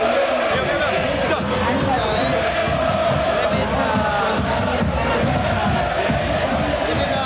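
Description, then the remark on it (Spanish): A large crowd of football fans roars and shouts continuously from the stands before the Atlanta versus Chacarita clásico, a dense, steady wall of chanting voices with no pauses for the full length. “Está gritando toda la platea.”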